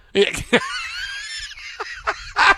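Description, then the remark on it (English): A single loud rooster crow, one drawn-out wavering call of about a second, framed by brief sharp vocal bursts just before and after. “He awakens by the crow of a rooster.”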